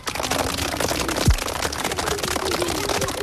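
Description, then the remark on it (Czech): A children's choir clapping together after singing, a dense, steady patter of many hands that stays evenly loud throughout, with a faint low hum beneath and a brief downward swoop partway through. “Pojďte si zatleskát.”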